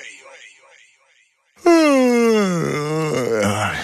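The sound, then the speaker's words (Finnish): A single long, voiced yawn rises in and slides down into a drawn-out groaning moan, following a brief stretch of faint background noise. “Haukottelu on tarttuvaa.”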